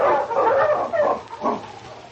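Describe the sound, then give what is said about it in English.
A pack of sled dogs, including King and Husky, barking and yipping together in an excited, overlapping chorus, loud, with no pauses and no voices. “On, King! On, Husky!”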